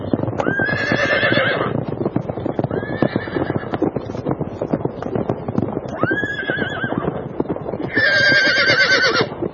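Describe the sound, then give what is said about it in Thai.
A young horse, a foal of the Indus River, whinnies loudly several times as it runs very fast, with shrill bursts at the start, middle and end, over a steady rapid clatter of galloping hooves that continues throughout. “ลูกม้าแห่งแม่น้ำสินธุออกวิ่งรวดเร็วซะจนทุกคนมองไม่ทัน”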